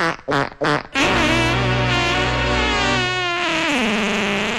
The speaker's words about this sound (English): Let's try that on the fart setting.